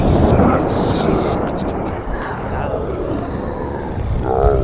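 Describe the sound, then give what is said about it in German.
A deep, continuous rumble of thunder rolls through a storm, with rushing gusts of wind that swell and ease over a few seconds, loud and enveloping, with a faint voice-like tone near the end. “Der Herr des Donners schrie es nun beinahe.”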